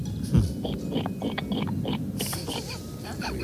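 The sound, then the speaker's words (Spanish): A person imitates a pig with a run of rough, low, snorting grunts, steady, with a louder snort near the start and a brief breathy rush partway through. “A ver, repítame el cerdo.”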